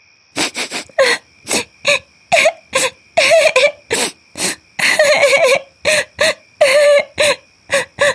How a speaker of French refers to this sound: Le petit rouge-gorge se pose devant elle. Pourquoi tu pleures,